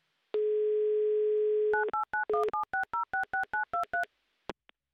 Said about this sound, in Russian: Так, номер набран. Будем ожидать соединения. С Ульяновском, с Геннадием. Гудки есть, это прекрасно.